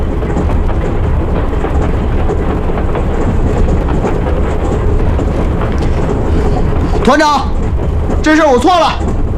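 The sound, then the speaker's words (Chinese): A steady, loud low rumble of a moving train carrying army troops on rails fills the whole recording, with a brief voice breaking in over it near the end. “团长，要不您命令火车停下来，把它送下去？”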